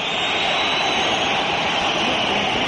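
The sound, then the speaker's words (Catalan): The home crowd at the Metropolitano stadium whistles en masse as the referee and players head to the dressing rooms at half-time of the Madrid derby, level at 0-0, a dense, shrill, unbroken wash of sound that stays loud and steady throughout, with no voices standing out. “Xiulets del públic local, l'àrbitre que marxa camí de vestidors, també els jugadors, empat a 0 Metropolitano, s'acaba la primera part del derbi madrileny”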